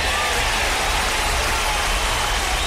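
Steady, dense applause from a crowd, played on the radio show Despertar Ranchero as a greeting to its 95.5 frequency: a continuous hiss of many hands clapping at an even, fairly loud level throughout, with no distinct individual claps standing out.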